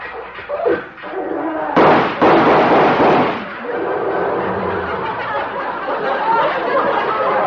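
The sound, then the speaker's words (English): An old tractor engine chugs with a rough, steady rumble, broken by a couple of loud, sharp backfire bangs early on before the noisy chugging carries on. “He's come over to see me in his tractor.”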